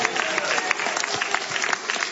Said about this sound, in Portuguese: Levanta a mão e dá um brado de vitória pelo sangue de Jesus. Deus, pode aplaudir bem forte, bem alegre.